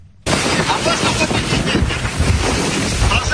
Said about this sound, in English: A nighttime video shows Bulgarian border police in a small boat in choppy waters approaching the downed ship.